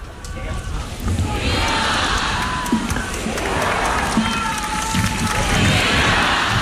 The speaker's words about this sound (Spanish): Los vivas al Papa. León XIV cerrando esta última misa, recibiendo esos vivas.